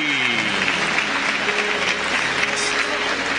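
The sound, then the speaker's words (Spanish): Dense, steady applause from the Argentine crowd at River's stadium as the Argentina team leaves for the dressing room after the warm-up before a match against Benin, a continuous wash of clapping with a faint murmur of voices, loud and sustained throughout. “Se marcha el equipo argentino para el vestuario después del calentamiento previo, por eso el aplauso del público argentino aquí en el estadio de River.”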